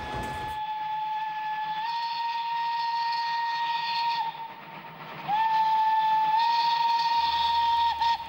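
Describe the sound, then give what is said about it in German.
A museum steam train, the Ötscherland-Express of the ÖGLB railway enthusiasts, blows its whistle in two long, steady blasts with a slight pitch rise, the second louder, over a rumbling background of the locomotive, with no voices. “Die Museumsbahn dampft im Sommer an jedem Wochenende.”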